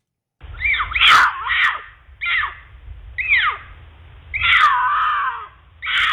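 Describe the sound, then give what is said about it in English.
A mountain lion's mating call: a series of five loud, raspy screeching yowls in quick succession, each a few tenths of a second to a second long, over a low background rumble. “here's the mating call of a mountain lion.”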